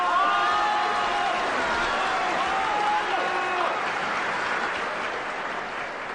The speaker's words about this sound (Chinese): 让我们掌声请他们上台。